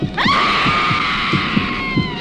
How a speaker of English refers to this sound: Blood mania rips the screams right out of your throat.